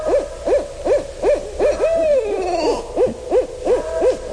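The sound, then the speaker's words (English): Two barred owls hoot together in an excited duet, a rapid rhythmic series of rising-falling hoots overlapping with a longer descending wail midway, loud and with no talking. “This is when a pair gets together and they're excited because maybe there's another barred owl getting into their territory”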